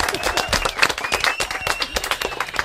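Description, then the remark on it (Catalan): An audience applauds loudly and steadily, with many overlapping claps forming a dense, crackling rush that lasts throughout. Faint voices and a thin whistle-like tone run underneath. “Fort aplaudiment”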